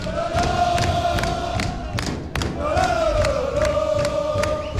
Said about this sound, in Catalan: Pues así, escolteu els aficionats. La població de Castelló que s'ha volcat, que està tota en el carrer, en els balcons. Escolteu els aficionats i els jugadors, así, en el punt a punt, en la rua del castellonense.